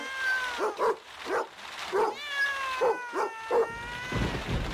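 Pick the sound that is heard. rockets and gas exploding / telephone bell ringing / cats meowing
cats meowing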